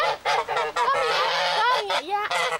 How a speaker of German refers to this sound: Ich mag meine Gänse. Die eine humpelt ein bisschen.